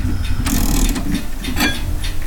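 A mechanical clock that strikes every 15 minutes being wound with a key: bursts of dry ratcheting clicks come in uneven strokes over a low, steady hum, fairly loud with no talking.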